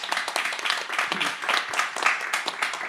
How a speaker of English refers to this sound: Thank you so much. Just want to give a quick round of applause for Guy and Community Space.